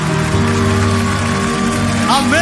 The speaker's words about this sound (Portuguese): palmas para esse Pai que nos ama e nos acolhe sempre.